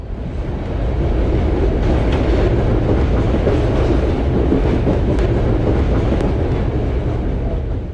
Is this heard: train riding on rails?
yes